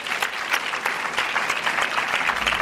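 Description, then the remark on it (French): An audience applauds the actor Casey Mottet-Klein, a dense patter of many hands clapping at a constant, fairly loud level throughout, with no voices standing out. “Mesdames et messieurs, on applaudit l'acteur Casey Mottet-Klein, s'il vous plaît.”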